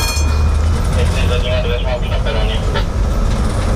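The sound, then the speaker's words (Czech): A battery-electric tram-train, an old Brno tram rebuilt by AŽD and running on electric power, runs along the rails on a short test ride to Libáň, a loud, steady low rumble with a continuous mechanical roar and a faint motor whine throughout. “Vlakotramvaj vyjela na krátkou zkušební jízdu do nedaleké Libáně.”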